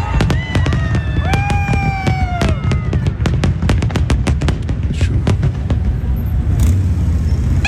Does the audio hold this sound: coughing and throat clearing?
no